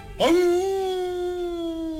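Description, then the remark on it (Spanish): A wolf lets out a single long, steady howl that starts abruptly and holds one sustained pitch, fairly loud, with no other voices around it. “Era el lobo que salió a su encuentro en un recodo del camino.”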